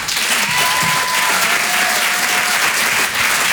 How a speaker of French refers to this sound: Ok, merci, bonsoir. Merci. Merci pour les applaudissements.